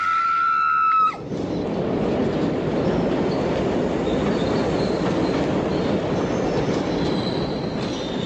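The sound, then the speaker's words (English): A train pulls into a crowded station platform: a shrill, sustained metallic squeal opens for about a second, then gives way to a loud, steady rolling roar with faint high wheel screeches near the end. “Then, as the train drew nearer and nearer, I leaned forward.”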